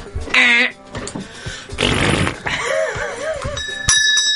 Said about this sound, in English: Oh, do you want us to all try our buzzers first? Yes, try buzzers, please.